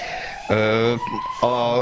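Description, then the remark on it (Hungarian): An emergency vehicle siren wails outside in a steady two-tone pattern, switching back and forth between pitches, fairly loud, with faint background noise beneath it. “Pont jó, vagy pont illeszkedik a sziréna, hogy hallatszik a következő kérdéshez”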